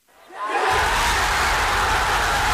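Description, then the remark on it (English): A large stadium crowd at a football game, the Texas crowd after the University of Texas defeated Ohio State, roars into a loud, sustained cheer, swelling from near silence within half a second and holding steady as a dense wash of voices. “it is being talked about this week after a Republican candidate for the board criticized the fact that students of color were among the crowd cheering at a football game.”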